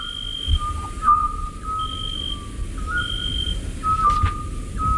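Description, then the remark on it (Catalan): A scops owl's call: pure, whistled tones around a single mid pitch, repeating over several seconds with brief breaks, heard over a soft low rumble with no talking. “Això em consta que és un xot, el que seria un mussol, no?”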